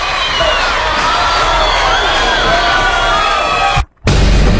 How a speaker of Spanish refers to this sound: aplauso.